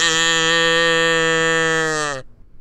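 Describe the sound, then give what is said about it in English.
A concert audience imitates a cow's moo together on a 3-2-1 countdown, a loud, steady moo held for about two seconds on one even pitch before cutting off abruptly into near silence. “Latte will moo. You will moo with her.”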